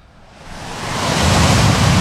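A wave rolls in and breaks on the shore, its broad hissing rush swelling steadily louder over two seconds into a full wash of surf, with no voices.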